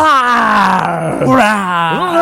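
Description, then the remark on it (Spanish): A voice imitates a dinosaur with a long, loud, growling groan that slides downward in pitch, dips briefly, then rises again at the end. “A ver, ¿cómo le hacen los dinosaurios?”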